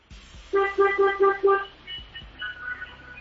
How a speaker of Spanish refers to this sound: A la de tres y tocamos el claxon, ¿listo?